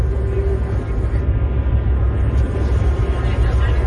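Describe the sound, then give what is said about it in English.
A steady, low droning rumble of a bomb-dropping warplane passing overhead, continuous and fairly loud throughout, with no clear breaks or other distinct sounds. “Planes are dropping bombs around the clock.”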